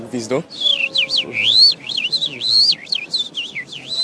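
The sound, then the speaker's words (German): A man whistles a rapid, warbling birdlike melody imitating a lark's song, with quick rising and falling trills repeated continuously for several seconds, fairly loud. “Das klang so ähnlich wie eine Lerche”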